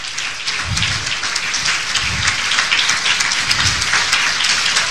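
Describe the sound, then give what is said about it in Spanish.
An audience claps steadily in applause for Christ, the sustained crackle of many hands forming a dense wash, with a few low thumps underneath. No voices stand out. “Vamos a darle un aplauso a Cristo en lo que cambian eso allá.”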